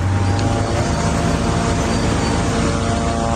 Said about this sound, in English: Hear surveillance drones above us. They're watching everything.